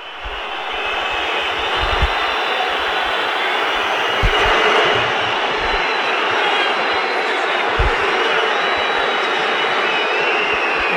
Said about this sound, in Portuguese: E a torcida do Palmeiras, vamos subir o som da Arena do Verdão aí. Sobe o som um pouquinho para nós.